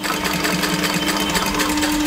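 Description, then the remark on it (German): A very old sewing machine in the basement of a workshop stitches a doll's leg back onto the doll's body: a fast continuous mechanical rattle with a steady hum underneath, running without pause and with no voices. “So klingt das, wenn Tanjas Puppenbein wieder angenäht wird an den Körper.”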